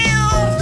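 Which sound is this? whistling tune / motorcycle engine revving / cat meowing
cat meowing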